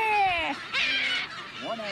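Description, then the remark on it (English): A gull's harsh attack call as it swoops down repeatedly at a person: three loud, descending cries in quick succession, each a raspy, harmonic squawk that slides downward in pitch. “That's the attack call. If you hear it, one of them right now is going for me repeatedly.”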